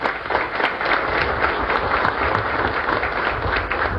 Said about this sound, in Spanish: La verdad que hoy tener uno, dos o tres contenedores de sandía acá es un logro, y quiero pedir un fuerte aplauso para todos los productores.